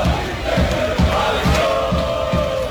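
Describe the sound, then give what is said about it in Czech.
A large crowd of Croatian football fans in Philadelphia, at a World Cup match of Croatia against Ghana, chants loudly in unison, voices blending into a steady roar with a regular rhythmic pulse, roughly two beats per second, throughout. “Ono što je uvijek isto, mnogobrojni navijači gdje god naša reprezentacija igrala.”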